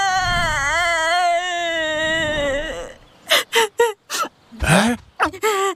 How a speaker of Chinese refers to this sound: 熊二，你听，啥声音啊？ 好像是谁在哭。